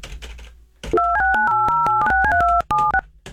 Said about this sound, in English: Let's dial a number here. Hold on a second here. Which one do I have?